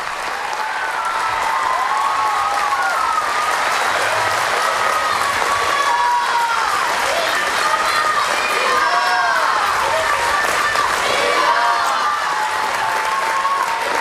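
A large crowd in Barcelona applauds and cheers steadily for the whole stretch, an ovation for the Pope's arrival. Dense clapping runs under a wash of excited shouts and rising whoops, staying loud and even without a break.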